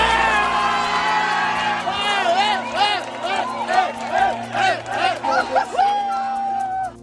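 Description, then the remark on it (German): A large crowd in Palma de Mallorca, Spain, cheers and shouts loudly just after midnight following the final whistle of a final match, with whoops and rising, wavering yells layered over a dense, continuous roar of voices, sustained throughout. “Nach dem Abpfiff kannte der Jubel in Spanien keine Grenzen mehr.”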